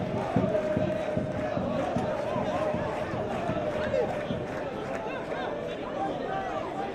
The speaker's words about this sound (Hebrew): הופ, קצת התרגש מהעידוד של הקהל שמפרגן לו במחיאות כפיים.